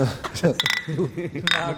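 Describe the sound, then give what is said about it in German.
Glasses clink together in a toast, a couple of bright ringing chimes, with people talking over and between them. “Prost, vertrauen wir uns wieder.”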